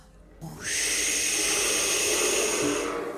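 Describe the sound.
A voice imitates big sea waves with a long, loud, steady breathy hiss that swells in after a brief low murmur and holds for about two and a half seconds before easing slightly.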